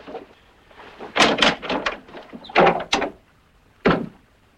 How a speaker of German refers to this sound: Zunächst werde ich den Riegel an der Tür zuschieben. Das ist bereits geschehen.